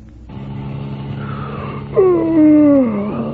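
A person yawns once, a long drawn-out, voiced yawn that slides downward in pitch, over the steady low hum of a running car engine.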